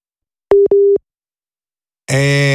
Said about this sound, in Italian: La linea ci ha lasciati, altro che nucleare, qui siamo ancora alle linee telefoniche.